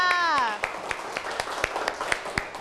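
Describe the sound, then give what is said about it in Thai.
A brief spoken voice gives way to scattered, uneven clapping from a small classroom group applauding group 5, with sharp claps landing irregularly for a couple of seconds at moderate loudness. “เอาละค่ะเหลือกลุ่มสุดท้ายแล้วค่ะนั่นก็คือกลุ่มที่5ขอเสียงปรบมือให้กับกลุ่มที่5ค่ะ”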